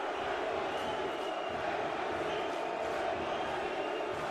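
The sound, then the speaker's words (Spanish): A large stadium crowd roars steadily, chanting "New York City" in response to player Chanó, in a dense, continuous wall of voices that holds at the same loud level throughout. “Y el público respondiéndole a los gritos de NYC a New York City.”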